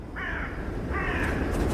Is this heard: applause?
no